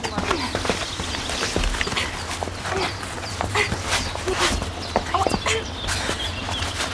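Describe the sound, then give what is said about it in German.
A girl's quick, irregular footsteps hurry out through a door amid a busy clatter of knocks and scuffs, continuous, with a low steady hum underneath. “rast zur Tür hinaus.”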